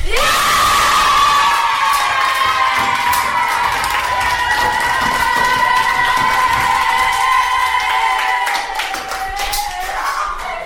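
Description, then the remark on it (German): A large audience claps and cheers enthusiastically, dense applause with whoops and shouts filling the space at steady loudness, gradually easing slightly toward the end. “wo sie mit ihrem Stück fertig war, haben alle Tiere ganz begeistert geklatscht und gejubelt.”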